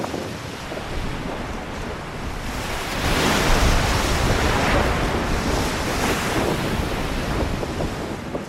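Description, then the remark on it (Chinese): Rough waves surge and churn continuously in a bay that should be frozen, a dense roaring wash of water that swells louder after a few seconds, with gusty wind buffeting throughout and no voices. “本该结冰的海湾却是浪涛汹涌。”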